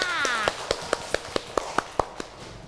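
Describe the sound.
Children clap together in a steady, even rhythm, about nine crisp claps in a row, after a short rising voice at the start.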